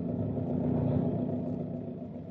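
A heavy truck engine rumbles steadily early one morning as the truck rolls along the road from market with a big load of perishable produce, a continuous low, droning hum at moderate volume with no voices present.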